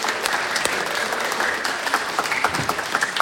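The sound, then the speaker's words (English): A crowd claps steadily for a few seconds for the event organisers by the door, a dense patter of many hands at moderate volume with scattered sharper individual claps standing out near the end. “So give them a big round of applause over here by the door.”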